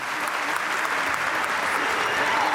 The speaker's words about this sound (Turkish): Sayın Cumhurbaşkanımızı saygılarımızla, kuvvetli alkışlarımızla uğurluyoruz.